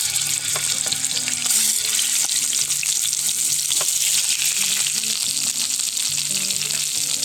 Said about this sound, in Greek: Όσο πίσω ακούτε και δεν ξέρω αν βλέπετε που τσιτσιρίζουν τα κοτόπουλα, τα κοπανάκια και παίρνουν χρώμα, θέλουμε να τα θωρακίσουμε, να πάρουν χρώμα, να καραμελώσουν μαζί με το δέρμα από όλες τις πλευρές.